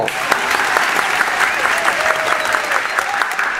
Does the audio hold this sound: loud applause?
yes